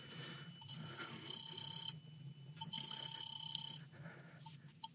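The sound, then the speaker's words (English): A telephone rings twice in steady, evenly spaced bursts, each lasting over a second, as a call is placed from a phone booth in a drugstore, heard over a low background hum with no one speaking. “Instead, I went to the phone booth and called my sister”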